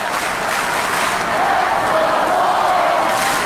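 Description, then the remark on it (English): A steady, loud roar of a baseball stadium crowd getting into the game with the bases loaded and two out in the eighth inning, a dense wash of many voices cheering and murmuring together with no single speaker standing out, holding an even level throughout. “Now the crowd getting into it.”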